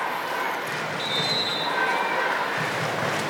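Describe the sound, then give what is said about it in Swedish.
At a Sweden versus Denmark football match, referee Frappart's whistle gives one steady, high-pitched blast lasting under a second, stopping play because a Danish player is down at the penalty-area line needing treatment, heard over a constant wash of crowd noise. “Frappar blåser för att det är en danska som sitter ner precis i höjd med straffområdeslinjen och behöver behandling.”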